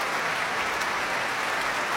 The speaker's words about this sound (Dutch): Dat ook met strijkstokken voor hen klapt. En terecht zwelt het applaus hier aan voor het prachtige Groot Omroepkoor.